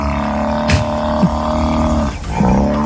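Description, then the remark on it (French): A buffalo bellows alone in a deep, loud, continuous rumbling groan, with a rough snore-like texture and a few brief swells in strength. “C'est un buffle ou un rhinocéros? Un rhinocéros. Mauvaise réponse.”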